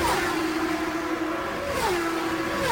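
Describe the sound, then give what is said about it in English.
Race car engines roar steadily at high revs on an oval track, the droning pitch holding level and then dropping once as the cars speed past, loud and continuous with no voices, as leader Scott Goodyear, a few car lengths ahead of Scott Pruett, drifts through turn four. “Now Goodyear into turn number four, putting the tires right on the white line and drifting off the corner.”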